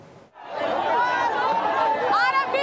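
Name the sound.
protesters clashing with police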